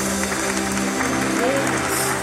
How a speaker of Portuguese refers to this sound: Palmas ao meu Senhor!